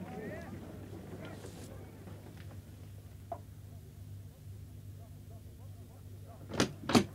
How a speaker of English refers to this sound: A few minutes later, there was a knock at the door.